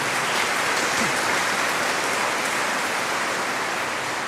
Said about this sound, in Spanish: Le damos un fuerte aplauso nuevamente a la Santísima Virgen, nuestra buena madre, que ella nos acompañe siempre.